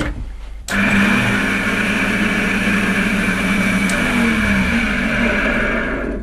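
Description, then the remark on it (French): A small circular saw, a machine made for model makers, starts up after a brief quiet moment and runs loudly and steadily, its motor giving a constant high whine over a buzzing hum with no cutting or talking. “Ça c'est une scie circulaire de petit format.”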